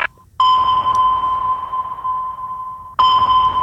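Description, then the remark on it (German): A loud electronic sonar-style scanning tone on the German radio station Hitradio RT1, played as if scanning listeners' private phone playlists: a steady high beep with harmonics, sustained for a few seconds, cutting off briefly and restarting, with no voices. “Hier ist Hitradio RT1 und ich scanne mal eben gerade ganz kurz eure privaten Playlisten auf dem Handy.”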